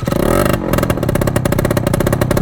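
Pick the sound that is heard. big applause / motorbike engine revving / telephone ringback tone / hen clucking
motorbike engine revving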